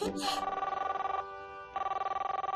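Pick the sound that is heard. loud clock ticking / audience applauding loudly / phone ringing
phone ringing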